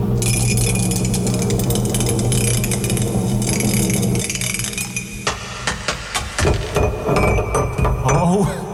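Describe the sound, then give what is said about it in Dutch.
A ceramic mug clatters and clinks as it is nearly dropped, a busy rattling jumble followed by a series of sharp, bright knocks and taps. “Laat ik bijna die mok vallen.”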